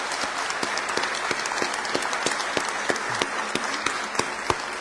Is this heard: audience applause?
yes